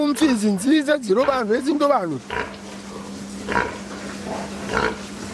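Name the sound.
pigs grunting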